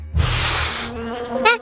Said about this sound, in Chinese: 是嗡嗡声。